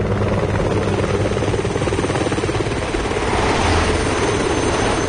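A Bell 206 helicopter, likely a Binhai police helicopter, drones steadily as it approaches, its rotor thumping in a low, rapid beat under a broad engine whine, growing slightly louder toward the end as it draws nearer. No one speaks.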